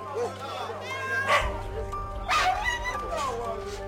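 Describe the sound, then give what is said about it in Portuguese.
At a large market where birds, cats and dogs are sold alongside fruit and vegetables, dogs bark and yip in short, high bursts, with two louder barks standing out, mixed with other animal cries over a steady low hum, fairly loud. “Levaram-no dali diretamente para um grande mercado, onde à mistura com frutos e legumes também se vendiam passarinhos, gatos e cães.”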